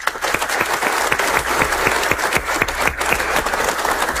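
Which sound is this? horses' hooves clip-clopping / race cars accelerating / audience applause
audience applause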